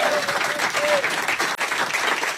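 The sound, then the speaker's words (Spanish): Loud, sustained applause from an audience, a dense crackle of many hands clapping at once, with a faint whistle or cheer rising briefly above it. The audience applauds itself for having come, at an event in Córdoba. “Primero, gracias a ustedes, fuerte el aplauso por ustedes por haber venido.”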